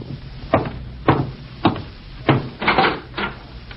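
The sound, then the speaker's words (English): A series of about six firm knocks on a wooden door, spaced roughly half a second apart with a slightly uneven rhythm, clear with no voices. “And I'm getting cleaned up before going out to meet my FBI contact, when I'm interrupted by a knock at the door.”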